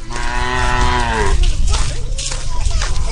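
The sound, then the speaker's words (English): A water buffalo, being led home by an old woman on Hainan, a tropical island in southern China, lets out one loud, drawn-out low moo that lasts just over a second, then fades into steady outdoor background noise with faint rustling. “An old woman, her back hunched from decades in the fields, leads her water buffalo home.”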